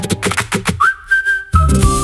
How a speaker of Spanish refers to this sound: empezamos con el silbido, que es muy de verano azul también